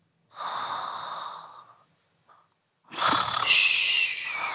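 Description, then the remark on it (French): A man, who has fallen asleep, snores: two drawn-out, fairly loud snores, a raspy breath followed, after a short pause, by a longer one with a whistling edge. No one speaks. “Tu entends ? … ronfle.”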